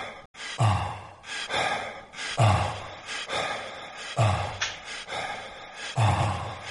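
Rhythmic breathing sounds, deep inhales and exhales repeating about every second, pulse over a steady electronic synth-pop beat with low thumps, moderately loud and with no voices.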